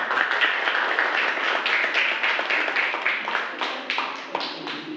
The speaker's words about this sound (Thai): เก่งมากปรบมือให้เพื่อนกลุ่ม3หน่อยค่ะ